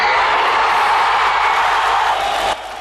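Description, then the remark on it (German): A crowd of hundreds of East German refugees roars and cheers on 30 September 1989 in a dense, sustained wash of voices that stays loud and steady throughout, then drops off sharply near the end. “die am 30. September 1989 im Jubel hunderter DDR-Flüchtlinge untergingen.”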